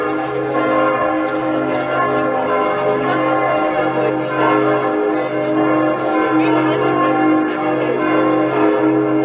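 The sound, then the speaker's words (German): The carillon of St. Jakobikirche of Hettstedt, hanging in the Dom in the Mansfeld-Südharz district, Germany, rings steadily, many bell tones overlapping into a loud, sustained wash of ringing harmonics with a low hum beneath, continuing without pause throughout. “Seit fast 2 Jahren hängt das Glockenspiel der Hettstädter St. Jakobikirche wieder komplett im Dom und zählt mit seinem Klang zu den schönsten im Landkreis Mansfeld-Südharz.”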